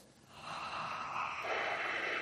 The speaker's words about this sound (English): I hear a lot of heavy breathing, but nobody able to come up with the name Alan Moore.